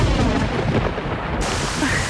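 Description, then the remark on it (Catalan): Deep rolling thunder rumbles beneath a steady, dense hiss of heavy rain, loud, with no voices, filling the whole short stretch without a break. “Ah, hi ha oients que ara mateix els està caient el cel a sobre.”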